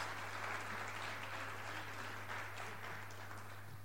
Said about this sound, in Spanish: Y vamos a dar un aplauso al Señor y a los hermanos que nos van a ayudar aquí.